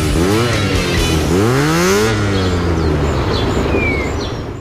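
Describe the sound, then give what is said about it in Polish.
A motorcycle engine revs up twice in rising, throaty bursts, then settles into a steady idle rumble, loud, with a few faint bird chirps in the background, in an ad for Honda D&D, an authorized Honda motorcycle dealership and service in Wrocław. “Wybierz się na jazdę próbną i posmakuj prawdziwej wolności. Honda D&D, autoryzowany salon i serwis motocykli.”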